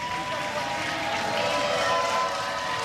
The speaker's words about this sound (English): Crowd loving it.